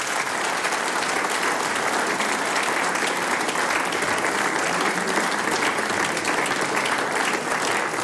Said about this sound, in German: Hätte ich jetzt einen Hut auf, dann darf ich ihn ziehen vor euch. Das ist euer Applaus.